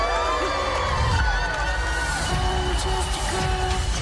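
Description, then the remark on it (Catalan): A crowd cheers and whoops steadily for about four seconds for birthday girl Elle Woods, a dense wash of overlapping voices with high shouts rising above a loud, unbroken roar. “Let's give it up one more time for the birthday girl, Elle Woods!”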